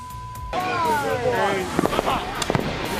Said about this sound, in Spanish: Estos chamacos apenas pueden recordar quién descubrió América. Ahora imagínense manejando fuegos artificiales.